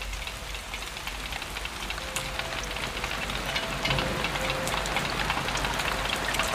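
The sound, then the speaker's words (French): Steady rain falls continuously, a dense hiss of drops pattering on a surface with scattered sharper ticks, even in loudness throughout, with no voices. “Et j'entends la pluie me dire.”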